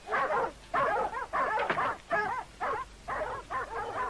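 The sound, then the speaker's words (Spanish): An old dog whines and yips in a rapid series of about seven short, high-pitched bursts, fairly loud, with no one speaking. “Tengo el perro.”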